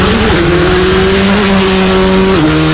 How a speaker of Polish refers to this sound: Zapach benzyny, ryk silnika, prędkość.